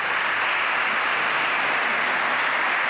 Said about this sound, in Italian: Quindi l'applauso l'avete rivolto a lui, ma anche a voi. Grazie.